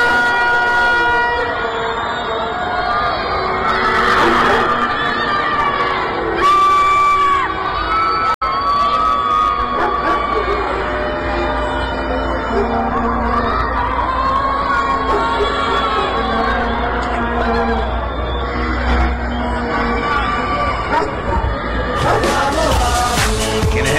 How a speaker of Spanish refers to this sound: Apareció el Cuti, señores, y así se gritó en los edificios del centro, escucha.